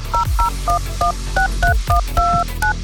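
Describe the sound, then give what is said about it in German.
A telephone number being dialed with touch tones: about ten short dual-pitch beeps in a quick, slightly uneven sequence, one held a bit longer, clear over a low rumbling background. “Wer diese Truhe findet, der findet auch eine Telefonnummer.”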